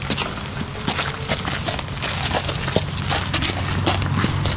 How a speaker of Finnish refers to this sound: Nämä askeleen äänet kuuluvat lämminveri ruunalle nimeltään Paavo.